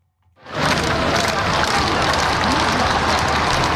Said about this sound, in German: Hunderttausende Menschen säumen die Champs-Élysées, jubeln dem Papst mit Vatikan- oder Frankreich-Fahnen zu, als er im offenen Papamobil die Straße entlang fährt. Immer wieder stimmen sie Sprechchöre an oder applaudieren.